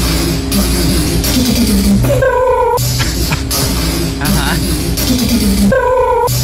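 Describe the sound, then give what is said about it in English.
Someone backstage at a concert vocally imitates an electric guitar with whining, wailing tones and gritty buzz, in two similar loud phrases. “What sound does a guitar make?”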